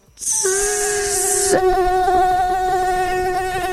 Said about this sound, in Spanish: ¡Ay, no, qué horror! Deberíamos de traer a alguien que explique el sonido del mosquito. Sí, es más, perturbador. Ahí lo tenemos. Perturbador.